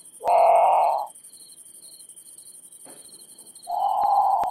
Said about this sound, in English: Okay, so that's the Grand Patu. It's haunting. It sounds a lot like a very scared bird calling for a parent, you know, in the middle of the night.